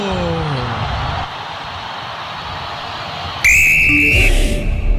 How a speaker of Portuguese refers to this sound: Apita pela primeira vez, a bola rola na Arena MRV, é o Juventude quem mexe primeiro nela.